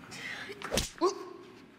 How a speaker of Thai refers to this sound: ถ้าตบฉันทำไมเนี่ย